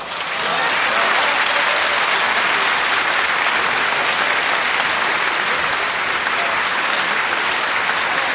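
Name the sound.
applause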